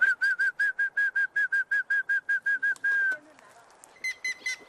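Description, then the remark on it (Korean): An unseen bird on a farm with mixed trees sings a pretty call: a quick run of about a dozen clear, evenly spaced whistled notes ending in a longer held tone, then a few brighter notes after a brief pause. “이야, 새가 답을 합니다. 어디 있는지 보이진 않지만 되게 예쁜 소리로 오네.”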